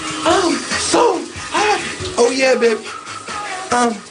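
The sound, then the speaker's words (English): Steady, hissing spray of a shower running throughout, with a person's voice singing or vocalizing loudly over the rushing water, performing K-pop in the shower. “I even started performing K-pop concerts in my shower.”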